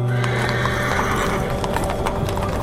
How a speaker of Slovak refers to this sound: Viedeň 1914, Korzo na Ringstrasse, Cirk Ecke, ruch a šum, hľúčiky ľudí.